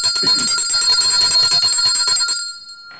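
A loud bell rings in a fast, continuous rattle for about two and a half seconds, then stops abruptly and leaves a short metallic ring fading out. No one speaks.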